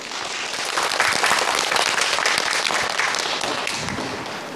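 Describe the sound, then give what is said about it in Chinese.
Sustained applause from a sizable audience of students welcoming a teacher from the Xinjiang Fire and Rescue Corps, a dense wash of many hands clapping at once, steady and fairly loud for several seconds before easing slightly toward the end, with no one speaking. “来，掌声有请。”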